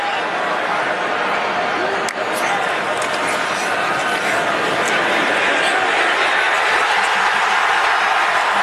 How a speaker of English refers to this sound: We didn't have any play-by-play there, but 7-0, you could hear the crowd in the big house, just going so crazy, as Michigan took a 7-0 lead on Iowa, but it did not last long.